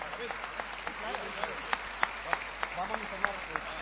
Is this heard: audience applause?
yes